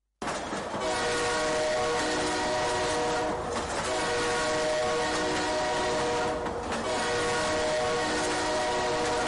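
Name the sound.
train approaching with horn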